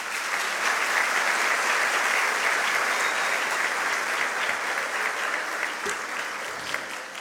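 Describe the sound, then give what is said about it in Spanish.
Sustained audience applause after a speech at the Premio Humanístico Tomás Moro award ceremony, a dense crackle of many hands clapping at steady loudness for several seconds, with no voices standing out. “para quien pido nuevamente fuertes aplausos.”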